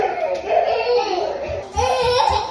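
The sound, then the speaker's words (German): Two small children babble and squeal as they run through an air-conditioned basement room of the town hall in Paris's 18th arrondissement during a heatwave of over 35 degrees outside, their high voices rising and falling continuously, with a few soft low thumps like little feet underneath toward the end. “Zwei Kleinkinder laufen durch den klimatisierten Raum im Keller des Rathauses im 18. Arrondissement von Paris.”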